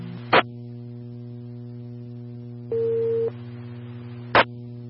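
A dispatch alert tone for a smoke investigation at 128 on Road 3566, Centro Zone: one steady, mid-pitched beep lasting about half a second over a constant electrical hum, with a sharp radio click before it and another after.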